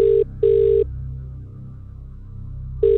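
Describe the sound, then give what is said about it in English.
An outgoing phone call ringback tone, from a live call to a prize winner: steady electronic tone bursts with a long pause between them, heard clearly over a low background hum, with no talking. “We're going to call someone live now and give them the great news.”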